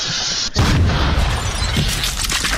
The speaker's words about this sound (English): Some kids couldn't wait till the 4th of July to blow up a porta potty. Everybody heard it happen.